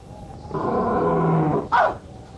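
A big cat lets out a deep, rumbling roar lasting about a second, followed by a short, sharp snarl that drops in pitch. No one speaks.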